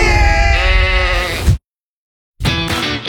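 Two loud sheep bleats, the first a long wavering call of about one and a half seconds, then a brief silence before a second shorter bleat.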